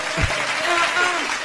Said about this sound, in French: On n'applaudit pas. Oh, c'est moi ça.